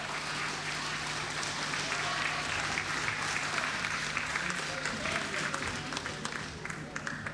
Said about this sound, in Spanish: Aplauso para Santiago del Estero, madre de ciudad.